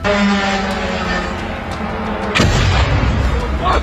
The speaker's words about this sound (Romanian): Aproape de ora 2, drona încărcată cu explozibil se prăbușește peste un bloc de 10 etaje din Galați. Toată încărcătura explozivă a dronei a explodat la momentul impactului.